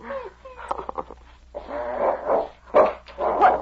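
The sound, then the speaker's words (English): A dog, King, snarls and growls in rough, rising bursts, breaking into a few loud, sharp barks between the growls, agitated and insistent throughout. “Hang on to that dog.”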